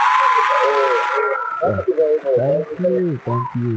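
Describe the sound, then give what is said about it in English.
A quick burst of hands clapping as a thank-you to a caller, dense and fairly loud, lasting about a second before it stops and a man starts talking. “Make I give you my clap.”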